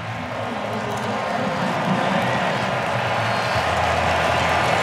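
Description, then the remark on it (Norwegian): A stadium crowd at Ullevål stadium cheers after Christian Thorstvedt scores to put Norway 4-1 up. A dense, steady roar of many voices stays loud and unbroken for the whole few seconds, with a faint patter of clapping mixed in. “Og jubel overalt, og ikke minst vil jeg tro når seieren vår har runget over Ullevål stadion allerede, når Christian Thorstvedt skårer ut og Otto, så blir det veldig god stemning, så det tar av på Ullevål.”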